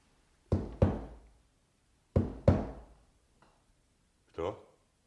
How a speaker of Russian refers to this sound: А в общем, ты, парень, ничего, исправно в крышу постучал.